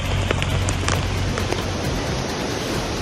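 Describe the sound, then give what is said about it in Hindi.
Continuous heavy rain pours steadily onto hard surfaces in the city of Navsari, a dense constant hiss with scattered sharper drops and splashes standing out, loud, with no voices. “लगातार बारिश के चलते पूर्णा नदी का जलस्तर अपने खतरे के निशान 23 फीट को स्पर्श कर चुका है।”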